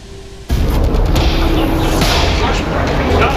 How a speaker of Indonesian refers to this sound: Kepulan asap tebal membumbung tinggi setelah serentetan ledakan hebat mengguncang wilayah Lebanon Selatan pada Rabu waktu setempat. Kamera wartawan merekam detik-detik serangan udara yang menghantam permukiman diiringi suara ledakan